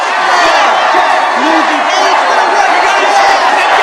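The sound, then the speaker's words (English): A large crowd of young voices cheers and shouts together in a steady, loud roar, with overlapping whoops and yells sustained throughout and no pauses: an enormous gathering of striking child workers in Newsies flooding the street, holding signs reading strike and unfair and waving Newsies banners. “The enormous gathering of child workers floods the street as they hold signs and wave copies of the Newsies banner.”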